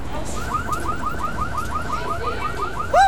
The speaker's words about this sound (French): Cette alarme de voiture lui fait mal à la tête. Mais pourquoi tout fait tant de bruit?